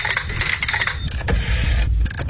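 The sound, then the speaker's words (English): A rotary telephone dial turning and whirring back, a steady mechanical ratcheting with bright, crisp ticks, fairly loud and continuous for about two seconds, with no voices. “For some, it's the sound of rotary telephones and even payphones.”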